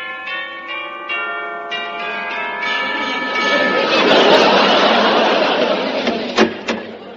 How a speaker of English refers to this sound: I stepped gingerly over the gypsy tea roses in her garden and rang her chime.